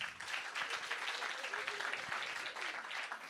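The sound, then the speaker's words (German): An audience at a comedy show claps steadily for about three seconds in answer to the comedian asking who has never heard of him, a dense, even wash of many hands with no voices standing out, loud throughout before easing slightly at the end. “Das war mitunter der beste Applaus heute Abend.”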